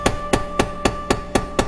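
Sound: knocking on a door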